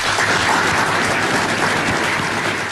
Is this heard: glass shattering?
no